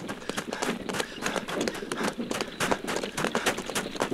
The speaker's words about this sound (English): Captain, stop the horses. Whoa!